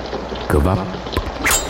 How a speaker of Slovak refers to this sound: kvapkanie vody. Kvapkanie vody?